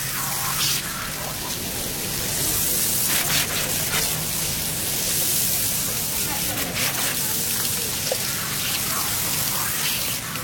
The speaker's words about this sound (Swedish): Sätt på vattnet! Nu sprutar vattnet ur munstyckena med stor kraft. Elden slutar att brinna nästan genast.